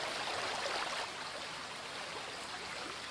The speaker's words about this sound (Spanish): En el interior de la garganta, las aguas filtradas por la roca en las alturas surgen impetuosas en multitud de chorros. Es la fuente de Escuaín, curiosidad de la naturaleza de soberbia belleza.